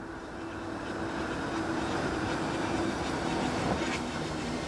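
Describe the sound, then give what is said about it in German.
A steady, fairly loud rumble of a train rolling slowly into Mittenwald railway station, at the foot of the Karwendel mountains, with a low mechanical hum and faint squeals and clanks as it pulls in, no voices present. “Einfahrt im Bahnhof Mittenwald, direkt am Fuße des Karwendelgebirges gelegen.”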